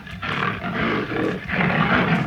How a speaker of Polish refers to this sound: Chyba nie tylko ja się cieszę, ale w ogóle wszystkie lwy. Chyba Simba się tutaj odezwał, ale taki dorosły.